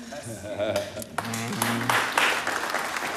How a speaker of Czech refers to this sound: Jak tleská jenom někdo, jak jsou tady jako zase faninky někoho jiného.